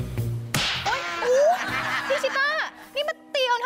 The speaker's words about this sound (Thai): ก็ฉันเห็นยุงฉันไม่ได้ตีเธอจะตียุง